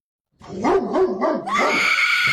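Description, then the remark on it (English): A pit bull lets out a loud run of barking yowls, its pitch wobbling up and down for about two seconds before rising into a sustained, strained cry, with no talking. “Guess that bark. Is it a pit bull or a shih tzu?”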